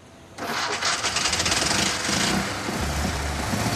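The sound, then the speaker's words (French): A small petrol car engine, started by lifting a small lever rather than turning a key, turns over and catches abruptly, then settles into a loud, rough, buzzing run with a steady throbbing rhythm, like a petrol lawnmower. No one speaks. “Ça vous rappelle quelque chose, ce bruit ? C'est ce qu'on entend quand quelqu'un tond sa pelouse avec une tondeuse à essence.”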